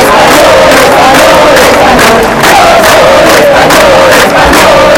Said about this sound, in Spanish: Entre banderas de España y gritos de Pedro Sánchez dimisión, miles de personas han participado también aquí en una protesta respaldada por Vox y el Partido Popular.